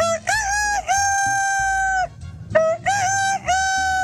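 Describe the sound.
A man's voice imitates a fine rooster crowing, loud: a long, wavering cock-a-doodle-doo call, a brief pause, then another drawn-out crow in several rising-and-falling bursts.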